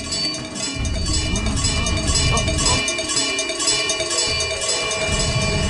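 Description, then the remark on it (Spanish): A cowbell clangs repeatedly in a steady, metallic rhythm, loud and ringing with bright overtones, sounding alone without any voices over it. It is rung to call a herd of cows. “¿Listos para sonar el cencerro?”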